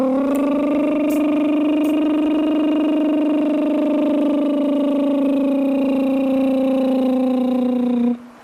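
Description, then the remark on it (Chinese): A small owl's harsh, buzzing call: one loud, unbroken droning note held for about eight seconds, steady like an idling tractor, then it cuts off abruptly. No one speaks. “但它很小，但是也很可爱，但它叫的有点恐怖，就是繁殖季节，春夏季节叫的多。”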